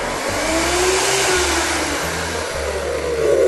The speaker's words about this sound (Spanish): Bien, ahora vamos a tratar de que se ponga un poquito más licuado y lo vamos a colocar al centro. Recordamos que la licuadora siempre saca hacia los lados.